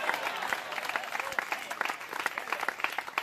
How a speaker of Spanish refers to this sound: ¿Cuántos alaban al Cristo de la gloria? Dele fuerte ese aplauso si es para el Cristo de la gloria. ¡A su nombre!